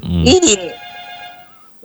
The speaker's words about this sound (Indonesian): suara telepon di. Iya, ribut. Nyaring sekali.